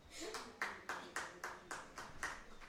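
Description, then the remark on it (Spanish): A lone female colleague from Radio Colomba claps steadily, about ten sharp, bright claps in an even, fairly quick rhythm, moderately loud with no one talking over them. “Le vamos a pedir solo a la compañera de Radio Colomba que nos regale un aplauso.”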